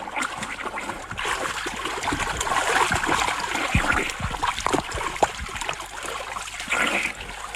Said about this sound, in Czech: Pane Rmláři, nezlobte se na mě! Už k vám plavu!